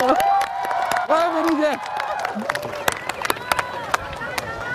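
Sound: applause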